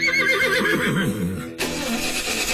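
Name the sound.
horse neighing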